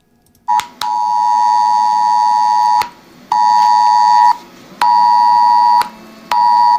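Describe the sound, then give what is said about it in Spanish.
A mobile phone's ES-Alert emergency tone from Civil Protection blares loudly in long, steady electronic bursts, four of them separated by brief pauses, with no voices. The alert was sent to phones across the Castilla-La Mancha region with advice for watching a solar eclipse. “De hecho, todos los ciudadanos de la región hemos recibido esta mañana en los teléfonos móviles un mensaje es alert de Protección Civil con consejos para observar el eclipse.”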